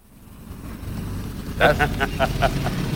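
A car engine rumbles low and steadily, growing louder, with a quick series of short tonal bursts sputtering over it near the end. It is the car that Harpe Kerkeling promised.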